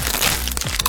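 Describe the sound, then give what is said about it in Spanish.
Crisp, crackly crunching of Crunch brand tortilla chips, a Costa Rican product by Instamasa, being bitten: a quick run of sharp, dense snaps lasting under a second with no voices. “Atrévete a probar el sabor único de Crunch, las tortillitas chips más crujientes, saludables y sabrosas.”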